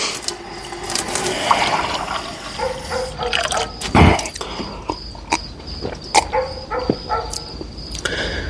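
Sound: water running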